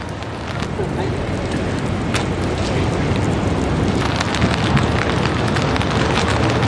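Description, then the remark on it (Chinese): Heavy rain pours steadily, a dense continuous hiss broken by sharp splattering drops, with a low blustery rumble of strong wind underneath throughout; hurricane-driven rain and wind in Dallas, USA, blowing an umbrella out of shape. “局部地区会有强降雨伴随大风。我们看到现在我的伞其实已经吹得有点变形了”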